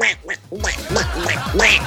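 A raspy Donald Duck cartoon quacking voice, several garbled squawking bursts in quick succession, fairly loud, with a brief pause after the first quack, played on a radio show marking Donald Duck day.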